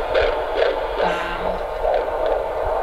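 A fetal heartbeat on a Doppler monitor during a midwife's prenatal checkup, fast rhythmic whooshing pulses roughly seven beats in a few seconds, steady and fairly loud over a low electronic hum, with no talking.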